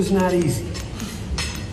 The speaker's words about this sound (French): C'est donc l'image qui restera de ce moment inattendu et historique entre les bruits de fourchette, ou comme le dit le président français à la sortie.